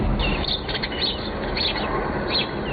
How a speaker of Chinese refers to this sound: 走进本溪环仁县的枫林谷森林公园，鸟鸣山谷，满目苍翠